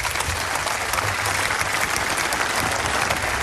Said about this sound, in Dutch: Ik dank alle sprekers, voor alle sprekers een applaus voor het delen van zulke belangrijke verhalen vanmiddag.